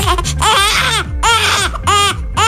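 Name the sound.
newborn baby crying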